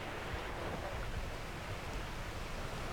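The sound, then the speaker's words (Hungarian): Steady, continuous roar of sea surf at the start of the ebbing tide, a broad wash of churning water flowing back, with no distinct breaks or pauses, evenly loud throughout, with no voices. “Elmulasztottuk az apály kezdetét. Tényleg, már javában áramlik vissza a víz.”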